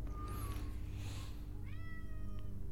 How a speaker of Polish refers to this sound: A w tle słychać szermierkę miauczeniem.